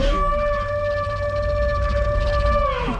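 A single long, low, droning dinosaur call made from sandhill crane and bulger crane cries, pitch-shifted down and layered, holding a steady wavering tone for several seconds over a rumbling bed before trailing off.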